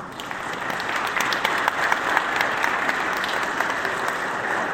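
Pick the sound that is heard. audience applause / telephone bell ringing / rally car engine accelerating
audience applause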